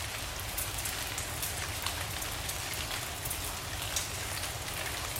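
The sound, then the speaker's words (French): Steady, dense rain falls throughout, a constant hiss with scattered sharper drops pattering on a surface. No voices, just the continuous downpour at an even level. “Il fait beau et chaud dehors, mais il pleut dans le studio de la radio.”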